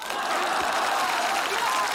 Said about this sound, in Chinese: 你还非得大伙给你鼓掌啊？ 鼓掌也不坐。 不坐就继续鼓。